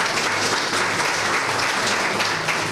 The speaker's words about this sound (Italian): Un applauso merita anche la signora.